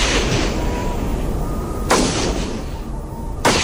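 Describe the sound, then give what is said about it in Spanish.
Two sharp gunshots crack out in Lithuania about a second and a half apart, each ringing briefly, over a steady rumbling background noise with no voices. “De pronto se escuchan disparos.”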